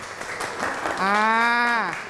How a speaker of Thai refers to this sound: ขอเสียงปรบมือให้กับกลุ่มแรกอีกครั้งหนึ่งครับ